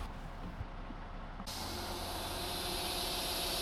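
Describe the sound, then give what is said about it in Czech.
A narrow-gauge train at Jindřichův Hradec, Czech Republic, on a Monday morning shortly before departing, idles with a low rumble, then bursts into a loud, steady hiss of released steam or air that continues without pause. “Je pondělí ráno a z vlaku úzkokolejky, která už za chvilku vyjede z Jindřichova Hradce”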